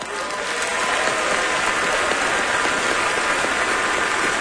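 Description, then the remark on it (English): Steady audience applause, a dense crackling wash of many hands clapping at an even loudness throughout, with no voices rising above it. “And everyone that clapped tells lies, because we all know that everybody lies.”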